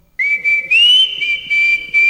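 Someone whistles, holding a clear, high note that slides slightly upward and pulses in a few swells, on the Tarija program Pregón Tarijeño, with faint background noise underneath.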